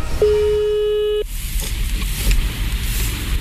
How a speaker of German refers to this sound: Und ich glaube, ja doch, im Hintergrund da klingelt das Telefon.